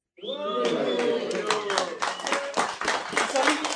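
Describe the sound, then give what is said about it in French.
A crowd breaks into loud, sustained applause for a group of singers, with dense overlapping claps, while voices cheer and call out over the clapping throughout. “Encore un tonnerre d'applaudissements.”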